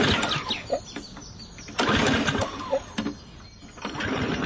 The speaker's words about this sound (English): And isn't that a two-stage 357cc motor with a 5-quart fuel tank? Sure. The Outdoor Vac Mark III can pick up nearly anything. From piles of leaves, to piles of heavy mud that's dominantly clay, to small dogs. Here, I'll start it up.